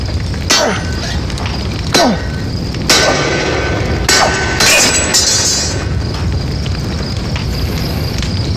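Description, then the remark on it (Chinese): Heavy hammer blows ring out against hot iron while a knife blade is being forged. About five or six loud metallic strikes land at an uneven pace, some leaving a brief clang, over a steady roaring background like a forge fire. “砸呀，抡呀！”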